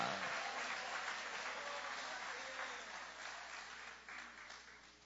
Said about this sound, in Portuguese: Quem crê, levanta a sua mão e aplaude o poder desta palavra.